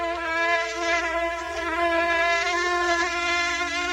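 A mosquito (maringouin) in Quebec, Canada, makes a high, whining buzz that drones steadily, its pitch wavering slightly as it hovers, with no voices or other sounds around it.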